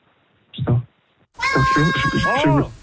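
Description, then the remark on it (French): A short cat meow, then after a brief pause a longer, louder, drawn-out meowing call with a rising and falling wavering tone. “Et les chats, ils sont acceptés en établissement!”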